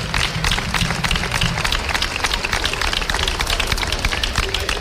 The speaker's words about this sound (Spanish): Yo pido un aplauso fuerte para estas niñas y para estos niños y para sus padres y sus madres que nos sufren a nosotros durante un año entero.